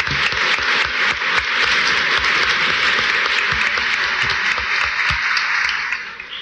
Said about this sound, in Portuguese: Muito bem, então, salva de palmas.